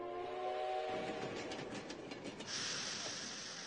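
A train rolls by on the rails, a loud, steady rumble with rhythmic clacking of wheels over track joints, a brief tonal whine at the start, and a hissing rush toward the end.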